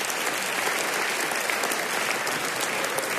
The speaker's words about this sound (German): Kleiner Applaus für euch selbst an der Stelle. Schon nicht schlecht, schon nicht schlecht.